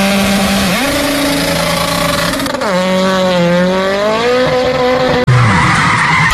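A car with a blown tyre and wrecked rim skids in the middle of the road with loud, sustained tyre screeching whose pitch wavers and bends for several seconds, then cuts off abruptly before a short, rougher screech resumes. No one speaks.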